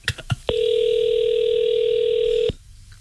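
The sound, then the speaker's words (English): A steady electronic ringback tone sounds for about two seconds from a phone line while calling a cell phone store, preceded by a few faint clicks, then cuts off into quiet line noise. “We're calling a cell phone store. Yeah, we're calling a... if we just, listen. That's ringing.”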